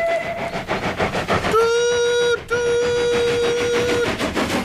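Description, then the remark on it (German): The steam whistle of Thomas the locomotive sounds two bright, harmonic blasts, a shorter one followed by a longer sustained one, over the steady rumble and clatter of a moving train. “Das ist Thomas' Dampfpfeife. Alle Dampfloks haben Pfeifen.”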